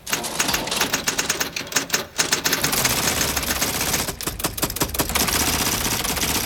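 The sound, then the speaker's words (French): Rapid typewriter keystrokes clatter on their own, as if pressed by invisible fingers, in a dense, uneven burst of sharp clicks and clacks, pausing briefly before resuming at a steady, busy pace with no voices. The typewriter is part of a personal collection. “Mais regarde, elles bougent toutes seules, les lettres. On dirait qu'il y a des doigts invisibles qui appuient dessus.”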